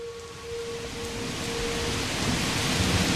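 Steady, dense rain hisses throughout while a low rumble of thunder builds and rolls louder toward the end, with a faint sustained tone hanging in the background early on. No voices.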